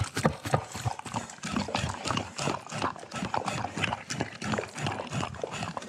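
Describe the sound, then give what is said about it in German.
A dog eats messily from a food bowl, with rapid, uneven clacks and chomping noises repeating for several seconds, no voices. “Tja, Hunde möchten gerne ans Futter und das gelingt ihnen nicht so richtig, weil die Näpfe, die so allgemein für Hunde benutzt werden, eigentlich nicht für Hunde gemacht sind, sondern die sind eigentlich für Menschen gemacht, die mit Messer und Gabel”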